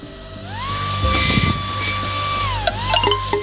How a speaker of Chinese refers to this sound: 相反的力，我们能不能用这个力来抵抗重力呢？下面我们把风扇向下吹，同学们觉得这个风扇能不能飞起来啊？